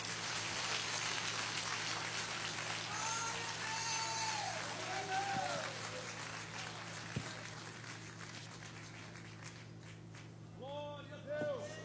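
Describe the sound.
A church audience applauds to welcome the pastor and praise Christ, a dense, steady wash of clapping, with cheering and whooping voices rising over it before the applause thins out toward the end.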